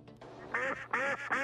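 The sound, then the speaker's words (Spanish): A duck quacks three times in quick succession, loud, each quack a raspy, nasal honk with short pauses between. “Un pato, van tres”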